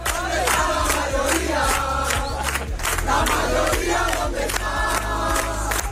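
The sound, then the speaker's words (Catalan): A large crowd at the Vox party headquarters chants slogans such as "¿Dónde está la mayoría?" in loud, rhythmic unison, voices rising and falling in repeated shouted phrases over a dense, steady roar with a thumping beat underneath. “Es cridava la seu de Vox i no era l'únic crit.”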